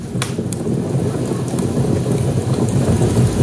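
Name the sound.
crackling fire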